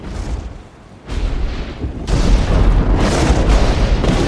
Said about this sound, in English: Joanna waves dismissively and heads for the beach as power builds and lightning strikes the tree.